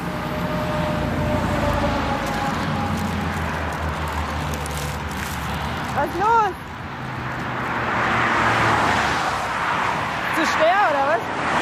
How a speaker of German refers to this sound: Wir stehen an der Autobahn und der Bus fährt nicht mehr.